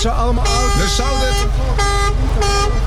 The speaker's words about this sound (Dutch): Mensen kijken. Toeter, hoor. Iedereen kijkt hier. Ze horen de toeter. Ze horen jullie toeter. Hey. Ja. Ze blijven maar toeteren.